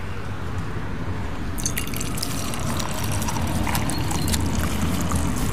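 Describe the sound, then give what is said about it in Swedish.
Milk being poured into a mug: a trickling, splashy stream begins after a brief pause and runs steadily for several seconds over a low, constant background rumble. “Och jag blandar som här mjölk i min.”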